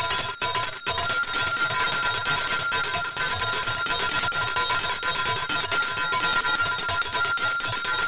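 A bright, metallic bell rings continuously and loudly on a Friday, its shimmering high tones sustained without pause for several seconds, with no voices.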